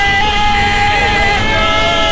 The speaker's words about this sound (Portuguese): a festa da torcida do Grêmio aí, CCD, buzinaço no estacionamento.